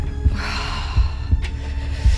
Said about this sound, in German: Puls, wirklich.